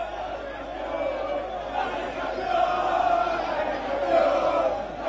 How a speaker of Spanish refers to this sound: Extraordinario lo que pasó en Dallas el sábado a la noche, cuando la hinchada argentina se quedó gritando ahí.